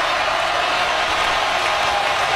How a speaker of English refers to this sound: As they'll snap it one more time, and the less-than-capacity crowd erupts.